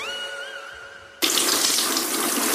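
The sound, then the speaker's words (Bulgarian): Water running in a bathroom, poured over a Triano BG bathroom cabinet: a soft, wavering whine hums briefly, then a tap bursts open into a loud, steady hissing rush of water that continues without pause to the end. “Защо поляш кафа в банята?”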